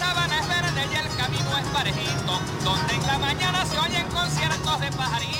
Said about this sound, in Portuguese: A música venezuelana escuta-se numa rua não muito longe do centro de Caracas.